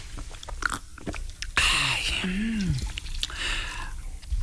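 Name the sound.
drinking water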